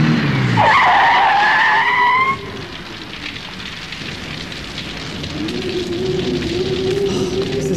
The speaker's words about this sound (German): Ja, da kommt ja noch ein Wagen. Jetzt wird das Hotel doch noch voll.